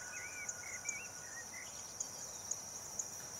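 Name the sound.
crickets chirping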